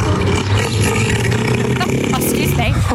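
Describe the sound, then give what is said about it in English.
A 1,000-kilo seal roars near a small town near Hobart, a deep, rumbling, guttural bellow that holds loud and steady for a few seconds with a throaty, engine-like rasp. “please enjoy Neil the Seal”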